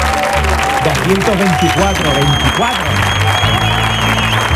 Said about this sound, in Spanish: 224 programas se cumplen hoy. Yo creo que eso merece un aplauso, por favor. Vamos, vamos.